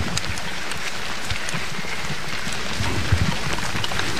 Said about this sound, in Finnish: Ja sadekin alkoi tässä vielä kiihtyä.